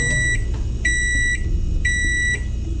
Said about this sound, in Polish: A teraz ręka w górę ci, którzy otwierają mikrofalówkę, zanim wydobędzie się z niej ten dźwięk.